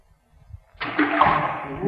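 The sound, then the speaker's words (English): After a brief quiet moment, a rock dropped down a deep well or chasm lands with a sudden splash that trails off into a sustained, reverberant wash of water noise, echoing up from deep down the shaft. “You see this rock? I'm going to drop it down. Now, you'll have to listen hard to hear the splash.”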